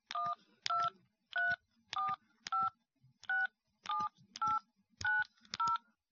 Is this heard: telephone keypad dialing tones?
yes